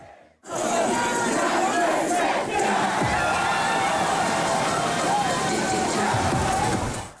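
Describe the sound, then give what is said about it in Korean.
A dense crowd of people escaping the heat packs a Han River swimming pool in central Seoul on a hot weekend night, filling the air with overlapping shouts, cheers and chatter, a loud steady roar of many voices that holds throughout with occasional splashing beneath it. “주말의 마지막 밤, 서울 도심의 한강 수영장은 더위를 피해 나온 시민들로 발 디딜 틈이 없습니다.”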